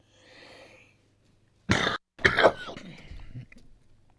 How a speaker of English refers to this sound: I'm back, coughing away here. I don't know what's called that. I've got a tingle in my throat.